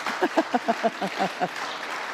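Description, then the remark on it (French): A church audience applauds the Lord with about eight quick, evenly spaced claps in rhythm, mixed with cheering voices, then the clapping dissolves into a softer wash of crowd noise. “Applaudissez le Seigneur, pas mon bouquin.”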